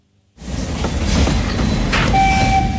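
A narrow-gauge steam train of the Osoblaha narrow-gauge railway rumbles along the rails at Slezské Rudoltice, a steady, loud clatter that starts abruptly, with a thin sustained high tone cutting in near the end.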